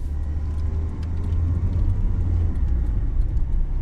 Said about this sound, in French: Je monte dans la voiture. Twingo verte. A104. Il est dangereux de conduire seul la nuit.